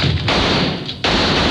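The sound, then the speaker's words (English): Loud, harsh gunfire in an exchange of fire, with a shooter firing back from the floor, roars through the first moment, eases into a muffled lull, then erupts again with another dense blast of shots. No voices are heard. “I did what I was trained to do, dropped to the floor and shot back.”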